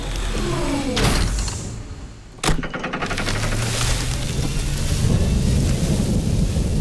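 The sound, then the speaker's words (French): Steady rain hisses throughout a thunderstorm, broken by one sharp crack of thunder partway through, followed by a low rolling rumble under the downpour. No voices. “Et voilà l'orage.”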